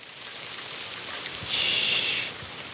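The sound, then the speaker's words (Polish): Light rain begins to fall slowly, drop by drop, with a soft, steady hiss and faint scattered patter of drops, swelling a little louder for a moment midway before settling back. No voices. “No, zaczął padać deszcz. Powolutku, kropelka za kropelką.”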